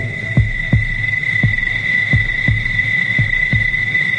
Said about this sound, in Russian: С первыми сумерками раньше других оживали цикады.